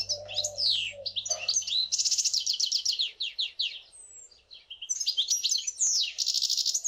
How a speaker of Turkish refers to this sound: Çok daha kapsamlı, çok daha ayrıntılı ve tabii ki bizim de çok daha fazla duymak istediğimiz bir şey. Buna Bu ka ötüş diyoruz o zaman. Buna ötüş diyoruz, evet.